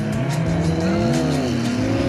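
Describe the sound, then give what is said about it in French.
A 1000-horsepower Honda Civic and a 200-horsepower, 200 kg BMW S1000RR motorbike accelerate hard off the start line on tarmac in a race, their engines roaring loudly with a climbing, layered whine over about two seconds, and no one speaks. “Départ lancé, ça allait très fort là je pense.”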